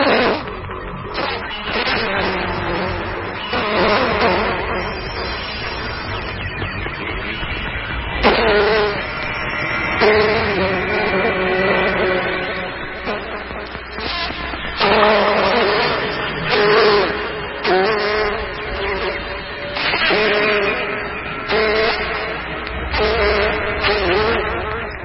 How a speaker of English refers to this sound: The drone of the germ-laden housefly is a common sound of the warmer months.